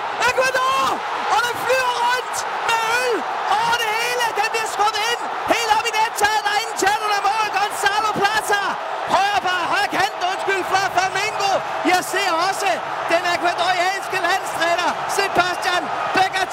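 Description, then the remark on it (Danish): A World Cup stadium crowd in New Jersey cheers a headed goal from a corner by Ecuador, putting them 2-1 ahead of Germany with 12 minutes left, in a loud, sustained roar of many overlapping voices, with rising shouts and chant-like swells that stay steady for the whole stretch. “Helt oppe på tilskuerpladserne i ekstase med 12 minutter igen.”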